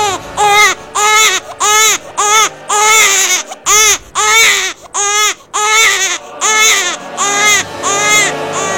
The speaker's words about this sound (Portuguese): não, não, isso não é coisa da sua cabeça. Não, isso não é um animal nem um pássaro, isso é um bebê chorando.